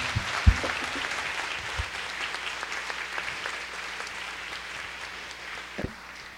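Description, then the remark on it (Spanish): Sustained applause from a crowd for the King of Kings after a prayer, a dense steady wash of many hands clapping for several seconds, with a few louder thumps standing out near the start and end. “Un fuerte aplauso para el Rey de Reyes.”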